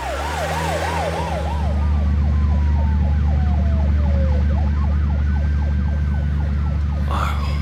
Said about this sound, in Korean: 앰뷸런스 출발하겠습니다.